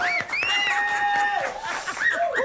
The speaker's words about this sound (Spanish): un aplauso por favor. De todos los presentes.